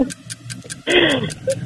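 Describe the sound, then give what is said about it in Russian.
A voice imitates a folding umbrella snapping shut: a short breathy whoosh with a falling, rasping tone, lasting under half a second, over a steady soft ticking throughout. “Складной зонт. Зонт складывается.”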